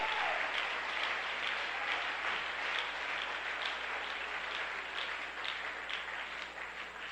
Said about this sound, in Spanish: Dale un aplauso a Dios en esta hora.